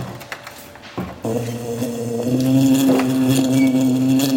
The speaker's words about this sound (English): A buzzing bee. A buzzing bee.